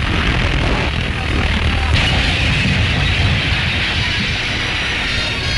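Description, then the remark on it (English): A steel bridge, its girders warped under the strain of an ice jam, collapses down onto the ice beneath: a loud, sustained roar of deep rumbling and grinding that holds steady for several seconds with no pause. “Crumbling down upon the ice jam beneath, the shattered derelict seems to mock the handiwork of man, overcome once again by the might of nature.”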